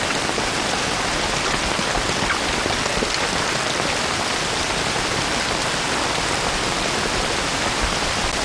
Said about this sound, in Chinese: 这想着这雨就停呢，这谁知道下的就不停了。